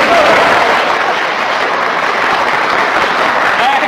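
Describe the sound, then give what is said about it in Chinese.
A crowd breaks into steady, dense applause, many hands clapping loudly and continuously for a few seconds with no talking over it. “爱听， 爱听，鼓掌。”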